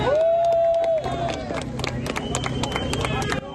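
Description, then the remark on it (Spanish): A crowd cheers and claps loudly, with a steady din of voices and scattered sharp claps. A single high, sustained whistle-like tone rings out at the start. The crowd is applauding a 44-year-old security guard and his rescuers after he was rescued alive from the rubble of a shopping centre in La Guaira, Venezuela. “El guardia de seguridad de 44 años y los socorristas se fueron recibidos con aplausos.”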